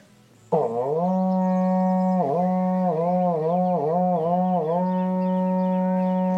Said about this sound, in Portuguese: Toca o berrante aí, irmão.